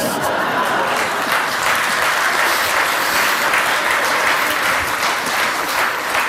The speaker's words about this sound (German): Da haben die Männer jetzt aber lauter geklatscht, die haben es genau gehört.